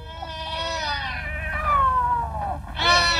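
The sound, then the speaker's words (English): Three large black cats around an Egyptian mummy meow and spit loudly, a long drawn-out wailing yowl followed by a second sharp, rising cry, with no talking. “3 great black cats around that Egyptian mummy.”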